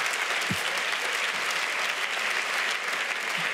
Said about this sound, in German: Hört auf zu klatschen, Mann, ich habe nur 8 Minuten.